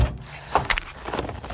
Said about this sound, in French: Dans la cuisine, j'ouvre la porte du frigo.